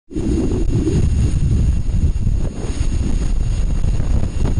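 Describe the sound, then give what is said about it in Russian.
A loud, continuous wind-like roar from a recording of wind on the planet Venus, with a deep rumbling low end and a thin hiss above, blowing steadily throughout with slight surges and no voices. “Ветренная Венера.”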